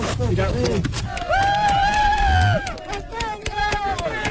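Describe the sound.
Rescue teams, the special forces of Colombia, El Salvador and Mexico and Spain's UME, cheer and shout "España" together, with one long, sustained high-pitched yell rising above the loud, overlapping crowd noise before the cheering breaks into shorter bursts.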